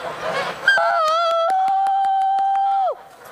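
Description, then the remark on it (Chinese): A flock of geese honk in a noisy cluster, then one long, steady, nasal honk holds for about two seconds with faint rapid clicks underneath before cutting off sharply into near silence as the geese fall quiet at a spoken command. “对对对，他这个他就在惊奇什么事儿，很聪明，这个鹅每个小脑袋都特别灵活。”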